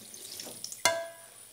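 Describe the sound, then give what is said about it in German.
A quick splash of water lands in a metal saucepan holding a little milk, during cooking, giving a sharp hit and a short metallic ring that fades over about half a second, with soft background hiss and no talking. “Ein kleiner Schluck Wasser.”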